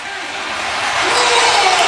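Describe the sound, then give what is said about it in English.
A large hockey arena crowd in Raleigh cheers after Seth Jarvis scores in a Stanley Cup playoff game, tying it at one, in a steady, roaring wash of noise that swells slightly louder over two seconds, with no clear individual voices standing out. “And listen to this crowd in Raleigh as we go to Vegas, tied at one.”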